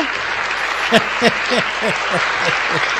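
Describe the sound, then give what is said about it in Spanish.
An applause sound effect: a steady burst of crowd applause, dense and loud throughout, with a rapid run of short, rhythmic vocal whoops or cheers rising out of the clapping. “Me gustó mucho el aplauso que se escuchó recién, me encantó, Renzo.”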